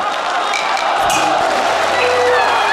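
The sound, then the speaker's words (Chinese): A dense crowd of voices cheers and calls out continuously at an opera performance by Mei Lanfang, accompanied by Mei Yutian, a steady, loud roar of audience approval with no single voice standing out, swelling slightly toward the end. “看到观众喝彩，梅雨田也很兴奋。”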